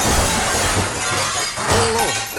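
A car crashes into the building of a local broadcaster in the Netherlands during a radio programme, in a loud burst of shattering glass; harsh crunching and scattering debris continue, and a brief whining squeal rises and falls near the end.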